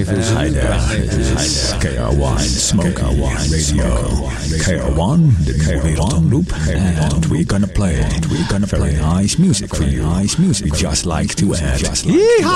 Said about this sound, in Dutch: Het is leuk, hè, zo'n echo-machine.